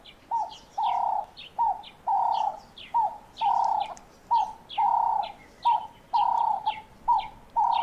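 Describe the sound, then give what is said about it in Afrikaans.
A Cape turtle dove coos steadily in a repeating rhythm of short, rounded phrases, clear, with fainter chirping birds in the background. “Ons wou die naam gehad het, die gewone tortelduif opsie of die Kaapse tortelduif.”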